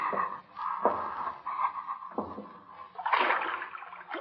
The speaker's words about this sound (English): See if water's deep. Wade through water if it isn't deep.